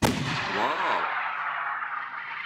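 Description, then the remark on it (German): A loud, booming blast from a hail cannon, a sound-wave cannon used to protect crops against hail, bursts out at once, then rolls into a long, whooshing rumble that slowly fades over a couple of seconds, with no voices. “2018 hat der Verband die Anerkennung der Schallwellenkanone als offizielle Schutzmethode gegen Hagel beim Landwirtschaftsministerium durchgesetzt.”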